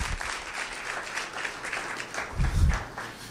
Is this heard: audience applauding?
yes